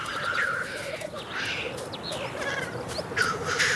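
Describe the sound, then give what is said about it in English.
Black grouse calling at the mountain tree line among solitary larches, crouching mountain pines and green alders: a steady, bubbling low warble that carries on without pause, broken by occasional sharp, hissing whooshes, with several birds audible. “The tree line with its solitary larches and its patches of crouching mountain pines and green alders is the realm of the black grouse.”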